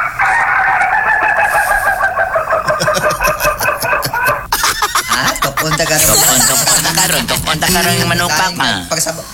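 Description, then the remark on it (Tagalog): A rooster crows loudly, a long drawn-out call filling the first few seconds, followed by harsher, ragged squawks and clucking from the bird. “Pero mamawar lang siya itong manok na gitook.”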